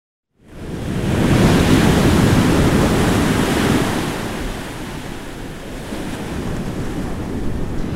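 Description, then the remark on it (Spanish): Ocean waves break and wash ashore in a steady, rushing roar, loudest early on and then easing into a softer continuous surf, with a cool breeze hissing over the top. No voices. “Escucha ese sonido de las olas, una brisita fresca y un lugar donde el tiempo corre diferente.”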